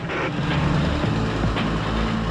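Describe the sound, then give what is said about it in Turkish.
A 560-horsepower tractor truck hauling a 46.5-tonne load: its diesel engine rumbles steadily, a deep low drone holding throughout with a faint pulsing rhythm and no voices. “560 beygir gücündeki çekici 46,5 tonluk yük çekiyor.”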